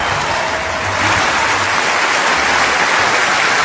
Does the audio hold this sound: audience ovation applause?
yes